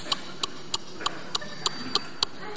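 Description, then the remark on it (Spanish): Steady, evenly spaced ticking as a young man imitates a Renault 11 car turn signal with his voice: about nine sharp, bright clicks, roughly three per second, over a faint background hiss with no talking. “Aplaudís a un muchacho que hace el intermitente.”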